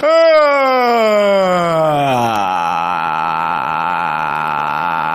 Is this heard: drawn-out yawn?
yes